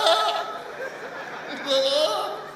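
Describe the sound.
A person's voice mimics a goat's bleat, a wavering, nasal call that rises and swells near the end, with no other talking.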